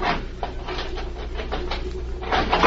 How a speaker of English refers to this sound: If I can get the jimmy behind the steel door.